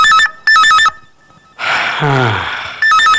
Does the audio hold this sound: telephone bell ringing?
yes